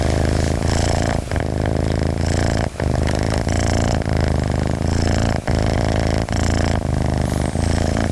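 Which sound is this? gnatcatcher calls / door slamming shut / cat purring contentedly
cat purring contentedly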